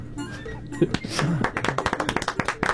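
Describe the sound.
A voice speaks briefly, then a person applauds with a steady run of hand claps, roughly a dozen sharp, evenly spaced slaps at a brisk pace, moderately loud.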